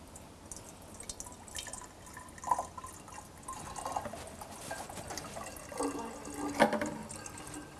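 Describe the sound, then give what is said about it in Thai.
Water is poured into one of several differently shaped bottles, giving a soft, uneven trickle with brief splashy bursts and drips throughout. It is fairly quiet, and no one speaks. “สิ่งที่ครูอยากจะเช็คก็คือถ้าเรากรอกน้ำลงไปในภาชนะที่มีรูปร่างต่างๆกันเนี่ยเราจะยังได้ยินเสียงคล้ายๆกับที่เราได้ยินหรือต่างกับที่เราได้ยินมาแล้วอย่างไร”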